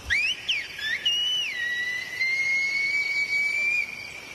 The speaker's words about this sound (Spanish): Uno de los mejores ejemplos era cuando llegaba la noche. Hace años no había teléfono ni cobertura. En medio del silencio aparecía un silbido.